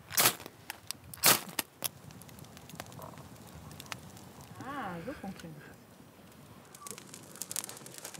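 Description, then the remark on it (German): A campfire crackles in Germany, with loud sharp pops early on and scattered snaps throughout over a low steady hiss; a brief wavering voice-like sound rises midway. “Das Feuer brennt und die Natur liefert eiweißhaltige Nahrung.”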